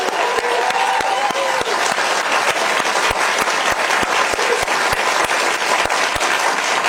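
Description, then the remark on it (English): An audience applauds steadily for the dean of a school, a dense wash of many hands clapping at a constant loud level for several seconds, with sharper individual claps standing out in a loose rhythm. “Can we just give a round of applause for this incredible human being and great leader”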